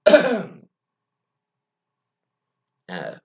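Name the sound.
cough and throat clearing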